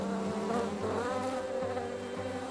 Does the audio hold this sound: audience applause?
no